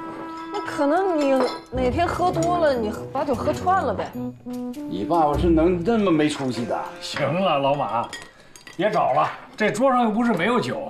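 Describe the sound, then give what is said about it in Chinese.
Glass bottles clink and knock together in scattered bursts as someone rummages through them looking for a bottle of erguotou liquor kept for about 20 years, while people keep talking over the sounds throughout. “我那瓶存了20来年的二锅头。”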